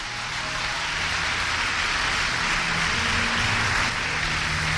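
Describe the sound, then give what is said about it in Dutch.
An audience applauds, a dense, steady wash of many hands clapping at once that holds strong for about five seconds, with no voices standing out above it. “We kunnen hem een applaus daar geven.”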